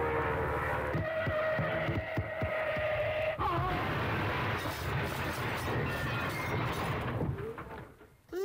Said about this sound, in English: I think I'll peel off and fly down there and find out where I am. Fasten seatbelts, we're coming in for a landing.